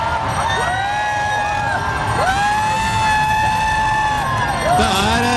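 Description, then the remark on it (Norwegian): A large outdoor crowd of thousands cheers and shouts continuously along the streets of Paris as Pope Leo passes in a bulletproof car on his way to Notre Dame, while a siren wails and sweeps up and down loudly over the din. “Tusenvis av mennesker som nå følger Pave Leo gjennom Paris sine gater, der han kjører en skuddsikker bil, og han på vei til Notre Dame.”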